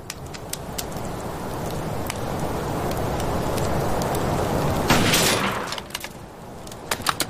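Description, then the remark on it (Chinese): Scattered rifle shots fired by soldiers trying to shoot down a loudspeaker crack out one after another at irregular intervals over a steady hissing, crackling background, with a louder cluster of sharp reports near the end. “兄弟们，我十八军是精锐中的精锐，共军这是在妖言惑众，谁的枪法好，给老子把那个喇叭打下来，老子有赏。”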